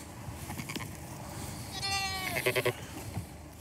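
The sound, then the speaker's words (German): Sheep and lambs from a flock of more than 600, spread across several pastures, bleating: one drawn-out, wavering bleat followed by a quick three-pulse stuttering call, set over a steady low outdoor rumble with no voices. “Die Schafe und Lämmer stehen auf mehreren Weiden verteilt.”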